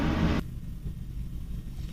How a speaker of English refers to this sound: Yeah, speaking of burning jet fuel, the private Harrier is going on here. We can pause real quick here.